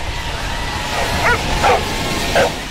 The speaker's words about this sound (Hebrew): השבוע נערכה בארצות הברית אליפות העולם בגלישת כלבים, את הקולות והנביחות משם נביא בהמשך התוכנית.